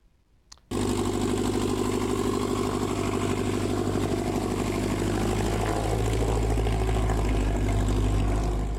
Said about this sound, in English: Their rotors and motors were humming in Northeast Nebraska yesterday for the annual fly-in breakfast. It's part of the Experimental Aircraft Association Chapter 569 event. 2 days of showing appreciation for flight at the Norfolk Regional Airport.